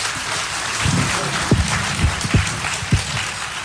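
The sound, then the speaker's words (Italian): An Italian audience applauds to welcome a guest coming up to speak, a steady, dense wash of many hands clapping at even loudness throughout, with a few low thumps breaking through the clapping. “And let's have him come up and greet him with a great Italian applause.”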